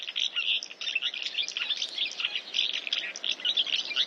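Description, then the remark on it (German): A busy flock of house martins twittering nonstop, with dense overlapping chirps and short buzzy calls at a steady moderate level and no voices. “Die Mehlschwalbe ist der Vogel des Jahres.”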